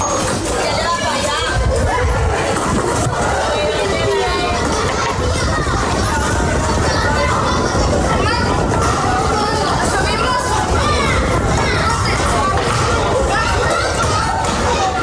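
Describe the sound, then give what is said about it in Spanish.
Children shout, laugh and chatter while playing outdoors at dusk on a summer evening in the Puerto Mar housing estate, La Manga del Mar Menor, Region of Murcia, running and riding bicycles; a lively overlapping babble of young voices with occasional thumps, like a ball bouncing, and steady activity throughout. “Son niños jugando al caer la tarde, corriendo, riendo, montando en bicicleta o inventando cualquier excusa para seguir un rato más en la calle”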